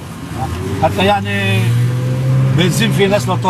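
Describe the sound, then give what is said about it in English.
Banged-up cars and old taxis rumble past on a busy street in Tyre, a steady engine drone rising and fading, with people's voices talking in the background. “Amid the banged-up cars and old taxis,”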